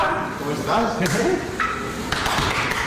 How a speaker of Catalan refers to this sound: per mantenir la seva masculinitat ferma s'han de pegar molt fort l'un a l'altre quan s'abracen a l'esquena